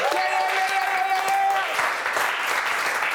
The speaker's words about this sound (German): Komm, wir haben hier die Tradition. Wir geben jedem Künstler, was sonst irgendwie bedrückend wäre, einen Crew-Applaus. Let's go.